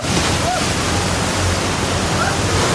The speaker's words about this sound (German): Die Fluten sind reißend. Es ist wirklich, als würde ich in einem Orkan stehen. Mitten in einem sehr, sehr tiefen Wasserfall.